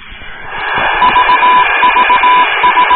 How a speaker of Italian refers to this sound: Oh, questo è l'unica cosa che so riconoscere del Morse, che è il CQ.